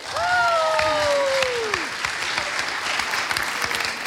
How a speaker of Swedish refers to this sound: Applåd till